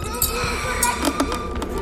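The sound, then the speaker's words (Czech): A lock clicks open amid a series of short metallic clicks and clinks, fairly crisp, spread unevenly over a couple of seconds against a low background hum. “Slyšel jsem cvaknutí. Ten zámek povolil.”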